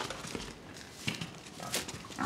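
pigs grunting and squealing

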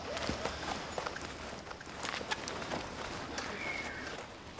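horse hooves

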